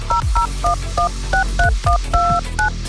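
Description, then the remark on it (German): A rapid run of about ten telephone keypad tones, each a short, clear dual-pitched beep in a steady rhythm, dialing a phone number to call Radio SAW, fairly loud with no voices. “Genau, und wenn er dann durchklingelt und es klingelt hier bei uns, dann ist er der Gewinner”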